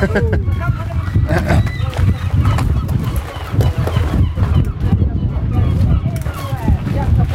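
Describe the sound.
An audience at the opening of Bluebin applauds with dense, steady clapping that stays loud for about seven seconds, with scattered voices and cheers mixed into the crowd noise.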